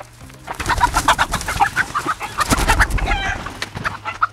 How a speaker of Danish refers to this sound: Kan I høre, hvor jeg er henne? Du er i hønsegård. Skal du være sød ved de der høns? Ja, nu skal jeg ikke skræmme dem alt for meget.